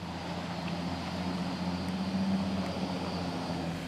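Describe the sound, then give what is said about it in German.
A boat engine drones steadily, a low humming rumble with a broad wash of noise over it, holding an even level throughout with no voices, as a boat bringing rescued seal pups enters the harbor of Friedrichskoog at high water. “Die einzige Möglichkeit für ein Boot, den Hafen von Friedrichskoog anzulaufen.”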